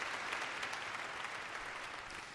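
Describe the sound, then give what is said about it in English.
Dense, sustained applause from a large audience after a concert performance, a continuous wash of rapid clapping that stays loud and steady throughout with no voices standing out. “Isn't that just rapturous applause there?”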